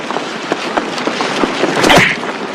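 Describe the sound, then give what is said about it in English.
In a fight, one man punches another: the punch lands with a sharp, swishing smack near the end, preceded by several lighter scuffling hits and rustles. It's fairly loud, with no talking. “Joey punches Cameron.”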